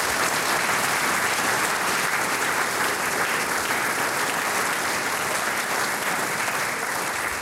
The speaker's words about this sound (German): Also das ist, glaube ich, ein Applaus wert. Bitte.